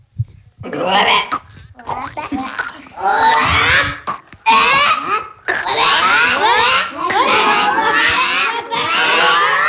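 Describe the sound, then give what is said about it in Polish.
Several forest-kindergarten children's voices make loud, overlapping croaking imitations of frogs, a steady rough chorus of rising and falling calls with bursts of laughter, continuing almost without pause for the whole stretch. “Żabki są i tak głośno rechoczą, że się denerwują, bo będą jaja za niedługo.”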